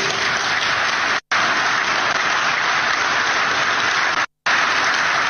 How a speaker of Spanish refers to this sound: Los aplausos.